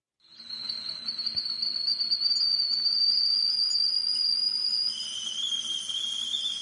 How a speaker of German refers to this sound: Tja, ein Geräusch, das vielleicht viele als Wintergeräusch einstufen würden, aber mein Teekessel pfeift auch an solchen heißen Tagen wie heute, denn da trinke ich besonders gern warmen oder lauwarmen Tee